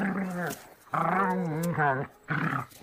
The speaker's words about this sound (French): Puis, il vit des silhouettes tourner autour des moutons. Aucun doute, une meute de loups les encerclait.